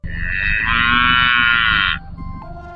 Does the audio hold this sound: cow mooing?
yes